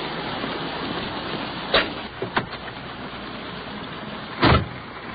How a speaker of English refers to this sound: All right. Well, out once again in the rain. Wet and slushy out here. Let's hustle on back to our police car.